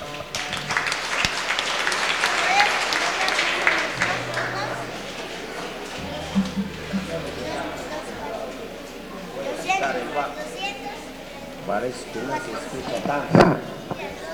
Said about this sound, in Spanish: Fuertes aplausos, hermanos y hermanas.